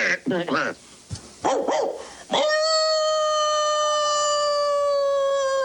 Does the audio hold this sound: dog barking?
yes